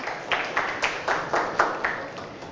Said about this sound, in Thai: นักเรียนปรบมือเสียงดังๆให้กับเพื่อนของเราค่ะขอบคุณนะคะ